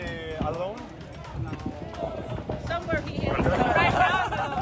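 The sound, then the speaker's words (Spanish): Horse hooves clip-clop in an uneven rhythm amid a noisy outdoor crowd of World Cup football fans in Monterrey, Mexico, with several people talking and shouting over the steady hoofbeats. “Mira, hasta el caballo.”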